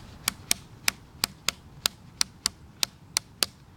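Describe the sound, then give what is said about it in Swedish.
About a dozen crisp, bright clicks like a closed hi-hat, struck from stone against a rotten log in a loose, slightly uneven rhythm, with no voices. “Ja, men det, jag var förvånad över hi-hat-ljudet vi hittade med det här ljusa.”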